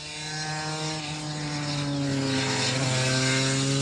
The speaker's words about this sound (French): c'est un son vraiment caractéristique du deux temps. Surtout une 250